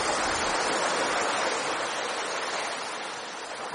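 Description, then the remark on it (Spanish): Sea waves surge and wash in a continuous, loud roar of surf that fades slightly toward the end, with no voices present. “te he puesto aquí un cortecito del mar para que hablemos de Enrique el Navegante”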